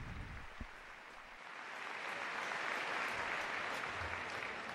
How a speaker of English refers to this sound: La colla castellera de Vilafranca de Penedès. Un aplauso para ellos. A massive round of applause, please, for all of those who participated in the tower.